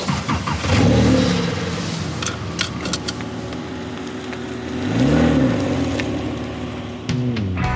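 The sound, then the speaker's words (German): A Porsche sports car engine revs on a driving practice ground, accelerating up to 30 km/h, its pitch climbing and falling through a couple of throttle bursts, with a steady low rumble and faint clicks in between. “Er fährt sich einfach schön, der Motor klingt toll und dann bringt das auch richtig Spaß, ein bisschen Gas zu geben.”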